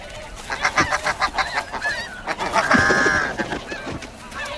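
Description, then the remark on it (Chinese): Snow goose parents guarding their eggs honk repeatedly in a noisy overlapping chorus, harsh nasal calls in quick rhythmic bursts, swelling into a louder, denser flurry near the end with no voices present. “要想突破雪雁父母的防线，绝非易事。”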